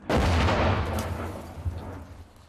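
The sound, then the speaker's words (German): Artillery fire from a gun firing a series of about ten shots: a loud, heavy blast opens with a long rolling rumble, followed by a couple of fainter thuds as the echo fades. No one speaks. “10 Schüsse. Mehr sollte er nicht abfeuern können.”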